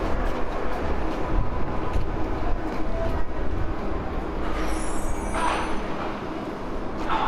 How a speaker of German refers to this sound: Ich sitze in der U-Bahn auf so einem ganz schmalen Brett.